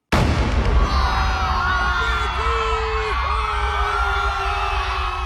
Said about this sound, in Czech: Výstřel z křižníku Aurora zahájil velkou říjnovou revoluci.